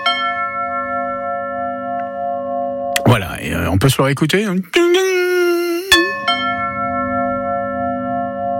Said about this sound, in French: Je dirais une sonnette, un carillon. Un carillon pour Chantal. Eh bien, c'est exactement la bonne réponse.